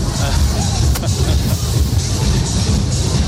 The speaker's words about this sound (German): Man muss ja auch zwischendurch mal ein bisschen Musik hören, ne? Ja, vor allem, wenn hier so ein Wagen mit Musik kommt.